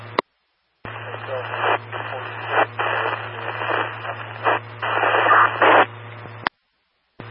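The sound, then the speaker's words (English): Harsh radio static hisses steadily for about six seconds over a low electrical hum, with brief dips in the noise, cutting in and out abruptly with silent gaps at either end. “all I'm getting is static.”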